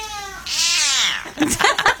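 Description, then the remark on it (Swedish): A hoarse, raspy meow from Kjell, a cat left unusually hoarse by cat flu some years ago, rises and falls in one drawn-out cry, followed by a few shorter scratchy vocal bursts, fairly loud. “Sen kommer då Kjell med sitt meow. Stackarn.”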